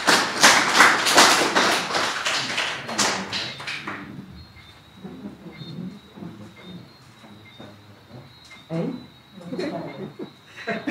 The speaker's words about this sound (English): And so I'm going to ask him now to come and address us, but let's give him a round of applause to start him off.